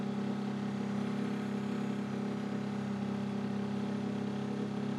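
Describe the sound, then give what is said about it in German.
A large fishing boat's motor drones steadily in very shallow water at the outlet of the Stepenitz river in western Mecklenburg, Germany: a low, constant motor hum with a rough mechanical texture and no breaks, with no voices over it. “Bis zu dem Pfahl hier muss ich immer mit dem großen Boot her und dann um die Ecke.”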